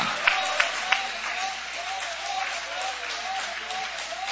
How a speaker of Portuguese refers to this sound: Toma o vosso assento, guarda a sua Bíblia com carinho e podem aplaudir a Deus com alegria. Tá fraco, Jesus merece melhor. Essas palmas podem ser melhor, esses glórias também. Ô, glória!